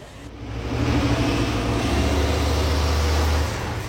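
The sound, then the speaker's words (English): Bright yellow city buses of the B network in Greater Manchester, run by private companies, rumble through street traffic, the deep engine drone swelling loud, then holding steady over a wash of road noise, with no voices. “The most visible result of Manchesterism, perhaps, is the bright yellow buses of the B network, still run by private companies, but now on contract from the Greater Manchester Authority, which plans routes and sets fares.”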